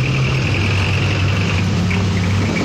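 A motorcycle engine runs steadily at idle, a loud, continuous low rumble with a faint higher whine on top, shifting slightly in pitch partway through. No one speaks.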